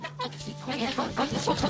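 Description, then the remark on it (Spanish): A hen clucks repeatedly in quick, uneven bursts, moderately loud, over a steady low hum. “Vive como si fuera una gallina.”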